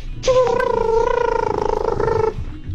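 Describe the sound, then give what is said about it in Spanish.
A voice imitates an elephant call: one sustained, high, slightly wavering trumpet-like tone lasting about two seconds, fairly loud and bright, over a low rumbling background. “A ver, escuchen este elefante, a ver qué tal.”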